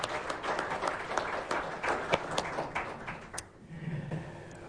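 An audience applauds with dense, steady clapping that holds for a few seconds, then thins out and fades toward the end, leaving a low murmur.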